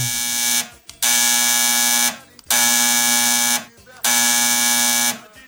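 A telephone rings on the Band FM radio station's phone line in steady, buzzy electronic bursts, about four loud rings of roughly a second each separated by short pauses, with no voices.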